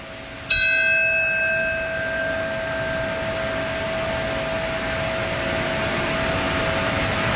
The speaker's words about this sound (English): That bell that you hear, this is the time that the North Tower fell 25 years ago, marking the moment, and a moment of silence now.